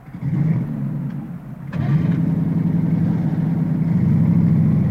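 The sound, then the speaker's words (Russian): A vehicle engine rumbles at a steady idle, then roars louder after a brief dip and holds a heavy, revving drone as the vehicle lurches forward, brakes and settles on its front wheels in water and sand, loud with no voices. “Взревев, машина рванулась вперед и, будто обрушиваясь с обрыва, затормозила, осела передними колесами, под ними всплеснулась вода, тяжело заскрипел песок.”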